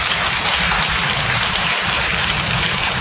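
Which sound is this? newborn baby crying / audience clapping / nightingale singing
audience clapping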